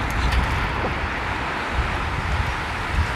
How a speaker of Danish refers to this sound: Ej, det er jo bare så dejligt at kunne høre bølgernes brus, der lige her ved siden af, hvor vi står nærmest.